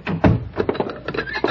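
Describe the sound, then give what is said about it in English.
A door thuds shut, followed by a run of sharp wooden and metallic clicks and scrapes as a bolt is slid and latched into place. “Shut the door and bolt it.”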